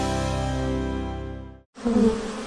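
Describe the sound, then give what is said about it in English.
Loud buzzing of wasps around a wasp nest above a front door, a steady droning hum that cuts off abruptly, then resumes rougher and more agitated after a brief silence. No one speaks. “Honey, did you see that wasp nest above the front door?”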